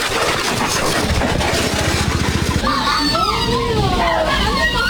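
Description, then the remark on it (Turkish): A motorcycle engine, from helmet camera footage of a head-on collision between motorcycles in Erzincan, throbs loudly with rapid, even pulses for a couple of seconds, then gives way to wavering, rising and falling tones over a steady rushing background. “Erzincan'da motosikletlerin kafa kafaya çarpıştığı kaza kask kamerasına yansıdı.”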